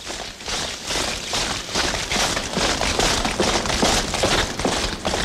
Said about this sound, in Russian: Со двора доносились гулкие шаги солдат. Они быстрым маршем шли на кладбище.